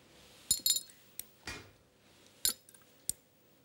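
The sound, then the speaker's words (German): Equal amounts of egg white are added to three glass containers holding pepsin, hydrochloric acid, and both: a few bright clinks of glass against glass or metal, irregularly spaced, plus a brief soft splash partway through, with no talking. “In alle drei Gläser gibt die Ulrike jetzt jeweils die gleiche Menge Eiweiß dazu”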